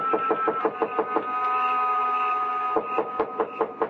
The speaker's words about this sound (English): I knocked again.